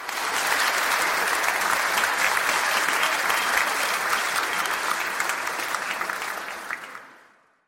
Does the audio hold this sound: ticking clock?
no